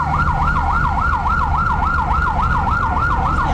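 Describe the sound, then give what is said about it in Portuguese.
A Ribadeo fire brigade engine siren wails in a fast, steady yelp, rising and falling several times a second, loud, with a low engine rumble underneath and no voices, as firefighters respond to a fire in a graphic arts shop on Carlos III street in Ribadeo. “Este é o son dos bombeiros de Ribadeo que acudiron a apagar o lume iniciado nunha tenda de artes gráficas na rúa Carlos III.”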